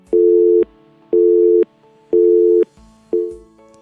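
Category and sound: signal or alarm, telephone busy tone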